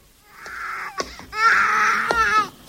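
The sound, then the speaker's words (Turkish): A sick infant cries in hot weather in two long, strained wails separated by a brief catch of breath, the sobbing loud with no talking over it. “Ne yapacaksın hasta bebeği?”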